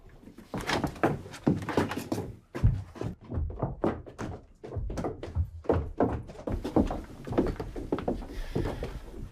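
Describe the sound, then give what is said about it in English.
Heavy fists thump on a wooden door in a fast, uneven barrage, the loud knocks running on for several seconds without a pause. “Up on this door, let's see.”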